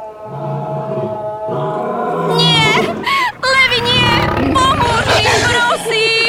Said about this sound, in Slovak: Možno ťa o tom presvedčia tamtie levy.